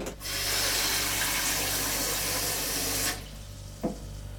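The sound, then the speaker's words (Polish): Water runs steadily from a tap into a small pot for about three seconds, a full hiss, then cuts off, followed by a faint clink; the water is for hard-boiling washed eggs. “Do małego garnuszka nalewamy wody, wkładamy umyte jajka.”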